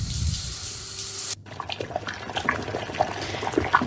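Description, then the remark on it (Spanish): A kitchen tap gushes steadily for just over a second, then cuts off sharply, followed by light clinks and soft bubbling, as if water is being put to use for cooking. “Para cuinar.”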